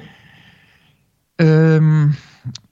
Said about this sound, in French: Et ensuite, ça, quand on expire, on imagine que toute cette lumière, elle passe par le cou et elle rentre dans le cœur. On la fixe dans le cœur avec ça. D'accord ? Donc, la respiration khamsa.